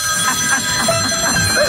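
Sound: telephone ringing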